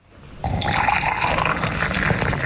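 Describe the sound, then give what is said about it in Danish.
Hot water is poured steadily into a glass, a continuous splashing stream that starts abruptly and keeps a bright, rising fill sound throughout, with no voices. “Grunden til, at der er to lyd, det er, fordi jeg hældte op i et lille og stort glas.”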